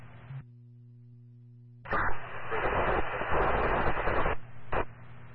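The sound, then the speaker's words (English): A burst of garbled radio transmission from a responding unit, harsh and static-filled, cuts in after a low steady hum, with a muffled voice buried in the crackling noise before it abruptly drops off. “Last unit in response, static.”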